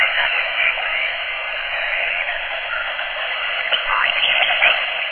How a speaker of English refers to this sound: Ghostwire. Signal City. Something is transmitting through the static. Listen carefully.